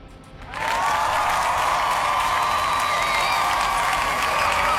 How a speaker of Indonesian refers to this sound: Kita kasih tepuk tangan ya.